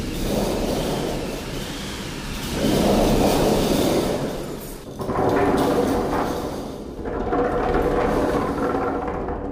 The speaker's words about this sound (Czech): Jsou tady čtyři stroje, které simulují různé zvuky. Vichr, déšť, hromobití.